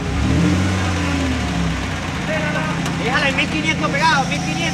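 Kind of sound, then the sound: vehicle, truck engine revving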